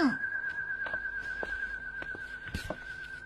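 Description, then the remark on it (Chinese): A steady, high whistling tone from pigeon whistles in flight drones on unbroken, wavering gently in pitch, over faint scattered knocks and background noise. “鸽子高兴时也吹口哨吗？”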